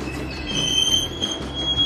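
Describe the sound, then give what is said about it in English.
A Grand Canyon Railway train pulls into the depot with a steady low rumble, its wheels letting out a thin, sustained high-pitched squeal as it slows, continuous throughout. “Pulling into the depot.”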